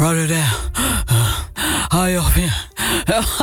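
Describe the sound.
A voice imitates a big man's heavy, breathy panting into a microphone held at his mouth, several loud huffing gasps in quick succession with short pauses between them.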